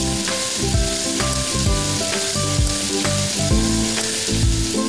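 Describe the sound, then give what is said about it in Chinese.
Loud, steady sizzling of chopped scallions being stir-fried over high heat while cooking minced pork with diced potatoes, with repeated quick clanks and scrapes of a spatula tossing the food in the pan roughly every second, and no talking. “再加入葱花，大火快速的翻炒。”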